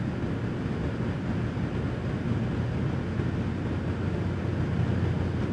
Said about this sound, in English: God, that fucking refrigerator is loud.